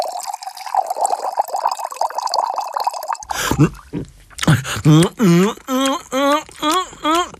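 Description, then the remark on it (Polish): Water pours steadily into a vessel for about three seconds, clear, followed by a series of rhythmic, voiced gulping sounds as someone drinks it down quickly. “A może chcesz się napić wody”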